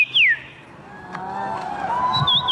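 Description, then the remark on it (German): A person whistles bird-like calls at the annual bird-voice imitation championship in Warsaw, Poland: a bright descending chirp, then sustained piping tones and a quick warbling phrase, with a faint murmur of a crowd in the background. “Denn in der polnischen Hauptstadt findet einmal im Jahr die Meisterschaft im Nachahmen von Vogelstimmen statt.”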